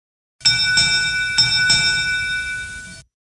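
A Derby bell rings out alone, marking the start of a Striped Bass and Bluefish Derby report, struck about four times in quick pairs, its bright metallic tones sustaining and overlapping before fading after roughly three seconds. Fairly loud.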